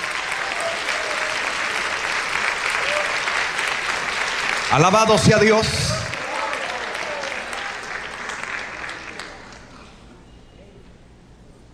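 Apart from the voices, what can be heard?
audience applauding loudly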